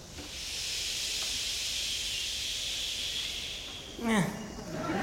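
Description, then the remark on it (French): One half of a concert audience, led by a musician, makes a long, steady breathy hiss together, imitating the sound of sea waves, before a single voice briefly cuts in near the end. “… qui fait faire la mer au public, le son des vagues.”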